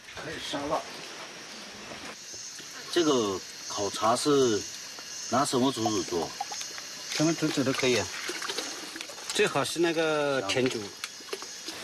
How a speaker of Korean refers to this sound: 대나무를 주전자 삼아 물을 끓이는 사이 대나무에서 빠져나온 수액이 끓는 물 속에 섞여듭니다.